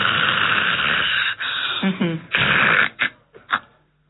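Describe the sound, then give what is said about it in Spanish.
A person vocally imitates someone snoring who stops breathing (apnea) and resumes: a long raspy, rattling inhale-like noise, then a few shorter snorts and breathy bursts that trail off into quiet. “Entonces, vamos a imaginar que estamos roncando.”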